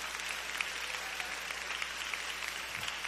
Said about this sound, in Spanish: Dele un aplauso al Señor, hermano, si usted cree que vale la pena.